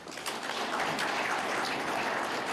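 A round of applause from a crowd, a dense, steady wash of many hands clapping at an even loudness for a few seconds, with no voices over it.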